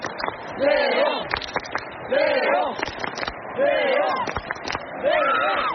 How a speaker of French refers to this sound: mais tout de même, il a traversé cette fosse dont on vous parle depuis le début de la soirée sur France Info pour aller au cœur de la foule sur une estrade, et il est, vous l'entendez derrière moi, acclamé par les tribunes. Écoutez.